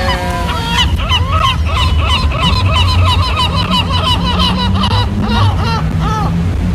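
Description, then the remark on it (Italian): An audience imitates seagull cries, a loud, overlapping chorus of squawking calls that rise and fall continuously for several seconds, busy. “Non pensavo di avere mai davanti delle persone che avrebbero fatto il grido del gabbiano se io facevo il grido tranquille del gabbiano.”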